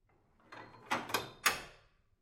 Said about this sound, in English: Which is when the workshop's door bolt slides.